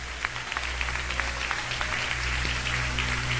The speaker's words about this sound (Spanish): Le dan palmas a Dios por la palabra.